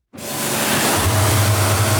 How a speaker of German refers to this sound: Der 59-Jährige ist gerade mit einem speziellen Hochdruckreiniger dran, den Rumpf von einem Motorboot abzuspritzen. Das Wasser muss vorher auf bis zu 60 Grad aufgeheizt werden.